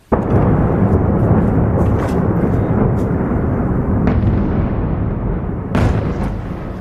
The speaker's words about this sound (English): Explosions lit up the sky as missiles and drones hammered the Ukrainian capital, killing at least 19 people in the region.